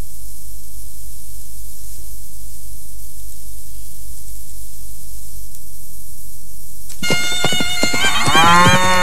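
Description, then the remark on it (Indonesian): A low, steady rumble runs for several seconds, then loud cattle bellows and lowing burst in near the end, with no voices, at a karapan sapi bull race, a cattle racing tradition of the Madura people. “Karapan sapi adalah perlombaan pacuan sapi.”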